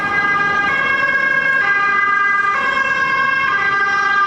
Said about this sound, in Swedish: Och nu kommer det bli lite svårt att höra mig. Nu ska du åka förbi en ambulans. Jag avvaktar.